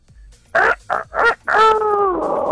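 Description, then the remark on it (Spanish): A person imitates the crow of a common (ordinary, not fine-bred) rooster with three short clipped bursts followed by one long, drawn-out wavering call, loud, with no other talking. “Así canta un gallo corriente.”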